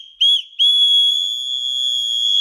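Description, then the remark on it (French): A small keychain anti-harassment whistle, handed out by the Nîmes city hall for the feria and reaching up to 100 decibels, gives a short shrill blast, pauses briefly, then sounds one long, steady, piercing high-pitched tone that holds loud for about two seconds, with no voices. “la mairie de Nîmes met à disposition pour la première fois des sifflets anti-relous, voilà leur nom, pour éloigner les potentiels agresseurs.”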